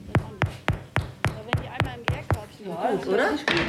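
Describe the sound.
About nine hollow, dull knocks of knuckles on freshly baked bread loaves, tested for doneness after 50 minutes to an hour in the oven, land in a quick, steady rhythm, then stop as a person starts talking.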